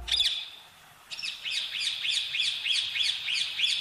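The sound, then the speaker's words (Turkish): A parrot calls in a quick, steady series of shrill chirps after a short opening squawk, fairly loud, with no voices. “Papağan aslında konuşmuyor. Sadece duyduğu sesleri taklit ediyor.”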